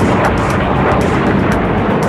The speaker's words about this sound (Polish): Formacja myśliwców F-35 przeleciała nad Wisłą w rejonie Wzgórza Wawelskiego. To w ramach akcji Powitanie z Polską. Nowe samoloty wystartowały z Gdańska, przeleciały nad Warszawą i skończyły pokaz właśnie nad Krakowem.